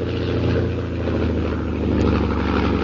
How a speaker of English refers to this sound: As Jim approaches his camp, a fast plane roars over his head.